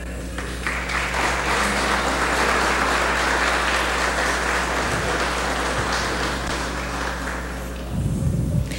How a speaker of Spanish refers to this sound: Bien, pues con un fuerte aplauso le damos la bienvenida en este nuevo proyecto